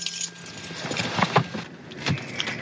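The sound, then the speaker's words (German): Keys jangle and clink in several quick bursts as a car is parked and the key taken along, a metallic rattling over a faint low hum like a car interior, with no one speaking. “Gut, dann wollen wir auch einen Schlüssel mitnehmen.”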